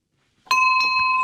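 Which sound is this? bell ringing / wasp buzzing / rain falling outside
bell ringing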